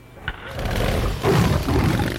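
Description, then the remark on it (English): A chopper motorcycle engine roars loudly with a deep, rough rumble that holds steady, then surges louder partway through, with no voices. “It's a chopper, baby.”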